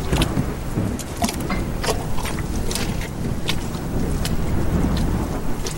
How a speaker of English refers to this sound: cold wind blowing, stinging rain on his skin. He treaded through mud and deep puddles in the dark night.